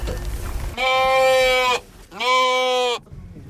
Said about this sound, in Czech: Připravené ohradě u horní stanice Lanovky Skalka právě najíždí auto s vozíkem, ve kterém už čeká stádo ovcí.